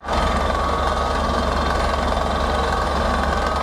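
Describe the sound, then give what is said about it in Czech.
A heavy drilling rig engine runs steadily and loudly, drilling a deep water well on Lysá hora in the Beskydy mountains; a continuous rattling, knocking drone with a deep low rumble and no pauses. No voices are heard. “Horské ticho v posledních dnech ruší rachot vrtné plošiny.”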